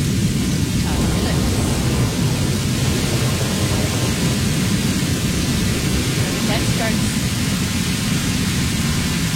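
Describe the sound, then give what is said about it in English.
A steady, dense wash of heavy rain with a deep low rumble of thunder underneath, loud and continuous throughout without pauses. “Starts at 11 after the thunderstorm.”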